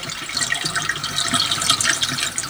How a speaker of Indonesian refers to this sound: Selain aliran sungai di sini deras dan luas arah untuk melakukan pertapaan, di sini juga tepat menghadap matahari tenggelam.